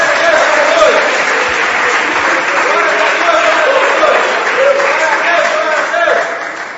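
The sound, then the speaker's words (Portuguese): An audience claps hands steadily in praise of the holy name of the Lord, a dense, sustained wash of applause, with voices faintly audible beneath the clapping throughout. “Palmas louvam o nome santo do Senhor.”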